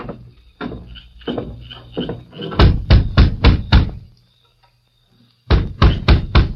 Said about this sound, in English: Now you knock on the door.